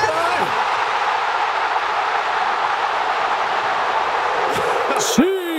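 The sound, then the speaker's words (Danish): A huge stadium crowd at a World Cup match roars in a dense, sustained wall of cheering after a player's second goal, staying loud throughout, with a brief rising whistle-like tone cutting through near the end. “For prøv lige at lytte til den her anden scoring, han laver. Prøv at lytte til publikum, hvordan de reagerer.”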